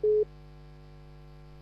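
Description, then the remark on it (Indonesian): A single short electronic telephone tone beeps once near the start, then an empty line hum continues as a phone-in caller's call is cut off. Nobody speaks. “Oh, sudah terputus mungkin. Sudah terputus.”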